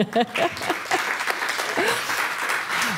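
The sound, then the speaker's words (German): An audience claps steadily for a few seconds, a dense wash of many hands with a few faint voices calling out amid the applause. “So wollte jemand klatschen, gerne.”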